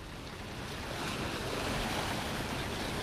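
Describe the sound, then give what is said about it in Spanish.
Sea waves roll and wash against the rocks that support the Aquarium in Guipúzcoa, heard from the Aquarium balcony, in a steady, continuous roar, with broad rushing noise and a gust of wind buffeting the microphone; no one speaks. “A ver si se escucha algo lo que nos yo dice la mar.”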